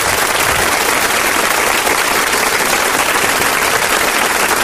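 A crowd claps loudly and steadily, a dense, even wash of applause that holds at the same strong level for the whole stretch with no voices standing out.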